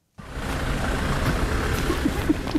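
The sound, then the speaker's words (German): A steady low engine rumble and road noise from inside a moving car driving to the outskirts of Slovyansk, continuous and fairly loud after a brief silent start, with a few faint higher tones near the end. “Mit dem Auto geht es an den Stadtrand von Slowjansk.”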